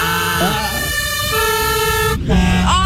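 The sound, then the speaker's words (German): A fire engine's siren or horn blares loudly in a sustained, buzzy tone, holding steady before briefly cutting out and returning at a shifted pitch near the end. “Und das, wenn ihr jetzt an die Feuerwehr denkt, ich sag einmal, habt ihr ein Geräusch im Ohr?”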